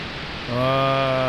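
A steady, hissing rush of ocean waves fills the short clip, and about halfway through a sustained low humming tone joins in over the surf.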